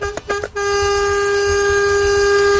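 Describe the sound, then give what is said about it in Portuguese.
A loud truck air horn on the road gives a few quick short blasts, then settles into one long, steady, blaring honk of about four to five seconds that holds until the end, sounding on its own. “E uma buzinadinha aí pra acordar essa galera.”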